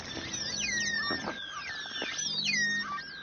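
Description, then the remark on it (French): Dolphins calling underwater: overlapping high, squeaky whistles that swoop up and down in pitch, mixed with short bursts of rapid clicks, steady and fairly loud throughout with no talking. “Là, ce sont des dauphins qui communiquent.”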